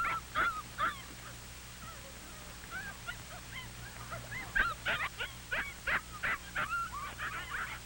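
Several puppies yip and whimper in a busy, overlapping chorus of short high-pitched cries, with a low steady hum underneath and no talking.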